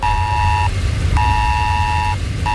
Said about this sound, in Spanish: Sí, alerta por tormentas severas e inundaciones en la zona de Nueva York, en Nueva Jersey, con un mensaje que nos ha llegado a todos los móviles similar al del Esaler de España que tenemos en nuestro país y que ha sonado así.